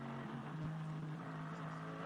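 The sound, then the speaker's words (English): Mikel Azcona's Hyundai Motorsport N TCR touring race car engine drones steadily on track on a warm day, holding a sustained pitch with a brief dip partway through, amid broad track noise and no voices. “looking at Mikel Azcona, of course, the former WTCR champion in his Hyundai, who's, you know, he's driving his own race, really, in the Hyundai Motorsport N TCR car.”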